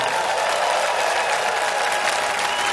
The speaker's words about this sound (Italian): Volete mandare un saluto in radio adesso, per favore? Fammi sentire un applauso di quello che